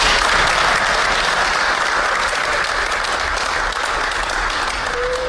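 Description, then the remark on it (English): Sustained applause from a sizable audience, dense and steady clapping filling the whole stretch at a fairly loud level, with no speech over it. “And clap for me.”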